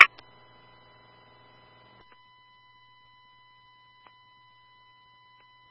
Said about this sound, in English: Just be advised, there is a loud audible alarm coming from the rear.